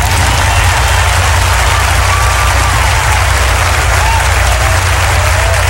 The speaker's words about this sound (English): If you understood that, clap.